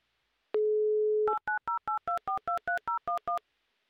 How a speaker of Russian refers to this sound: Предлагаю перезвонить. Что ты думаешь по этому поводу? Давай. Давай еще раз звоним.